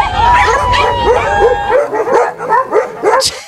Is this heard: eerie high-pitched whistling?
no